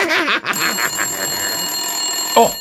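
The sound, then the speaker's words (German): A telephone rings with a bright, rattling bell, then a sustained high metallic tone lingers steadily after the ring. It is fairly loud, with no one talking. “schon wieder Telefon. Das gibt's doch gar nicht. Wer ruft uns denn hier andauernd an?”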